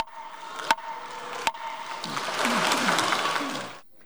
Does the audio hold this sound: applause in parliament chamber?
yes